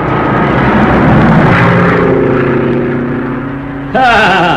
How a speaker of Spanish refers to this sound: Roscoe era un experto piloto y le bastaba un espacio pequeño para aterrizar con su avioneta.